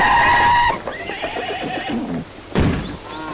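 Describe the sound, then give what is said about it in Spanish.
A horse whinnies loudly with a long, shrill, wavering neigh, then snorts and blows several times, ending in another short neigh, with no talking. “¿Cuál es el caballo de la señorita Alcántara? ¡Aquel! Hay que procurar que no se nos vaya.”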